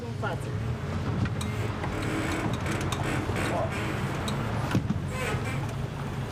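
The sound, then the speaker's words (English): The engine of a 12-person tour motorboat steered by a woman drones steadily on the Bicaz Reservoir in Romania, a continuous low hum layered with rushing wind and water noise, and a few brief knocks. Muffled voices sit faintly in the background. “Motorboats are considered masculine here.”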